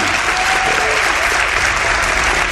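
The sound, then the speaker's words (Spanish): A crowd applauds steadily, a dense, sustained wash of many hands clapping at an even, loud level throughout, for the guide of a visit to Monte Pedroso in Spain. “para quien pide un aplauso, no se lo hemos dado antes, y la gratitud por estar aquí con nosotros.”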